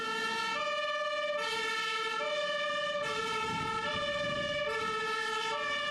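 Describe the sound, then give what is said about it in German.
A fire engine siren of the Grimma fire brigade, called out on an alarm, blares a loud two-tone wail, alternating high and low notes about every half second, over a low rumble of road traffic, with no voices. “Die große Feuerwehr wurde alarmiert und musste ausrücken.”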